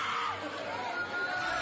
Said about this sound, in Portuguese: Vai gritando, queima ele, Jesus, queima. Expulsa, meus irmãos, expulsa. Sai da mente desta mulher, Satanás, vai embora. Sai dela.